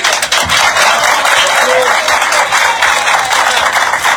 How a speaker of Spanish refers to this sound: Están aplaudiendo, pues.